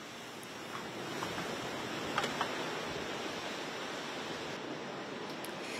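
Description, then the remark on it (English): A continuous, loud roar of huge ocean waves crashing along the beaches of the Florida Panhandle in Alabama, churning in a dense wash of noise that barely lets up, a couple of brief sharper splashes near the middle. “Earlier, huge waves crashed along the beaches of the Florida Panhandle in Alabama.”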